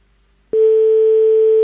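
A telephone ring tone sounds on the line as a prank call to a hotel is placed, after a brief silence: a steady, loud, mid-pitched buzzing hum that holds unbroken to the end, with no voices.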